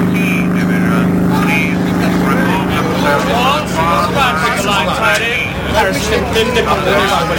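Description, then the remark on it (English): A steady, heavy engine rumble of a column of army trucks bearing the Royal Engineers badge driving up, a continuous low drone that holds throughout while voices talk over it. “And round the corner of the road leading off the common, on the way back to my car, I ran slap into a column of trucks with the badge of the Royal Engineers on them.”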